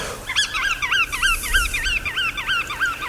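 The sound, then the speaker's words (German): A busy chorus of sandpipers and other wading birds calling over and over at a resting site at the Geiseltalsee, overlapping wavering whistles and chattering notes in quick succession, steady, with a low rumble of wind or surf underneath. “dadurch den Strandläufern und den sogenannten Wattvögeln Rastplatz.”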